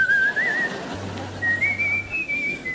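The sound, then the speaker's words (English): A person whistles tunelessly in two wavering stretches, the pitch sliding and rising slightly, fairly loud, with a low hum briefly underneath in the middle. “The louder you whistle, the further the boogeymen stayed away.”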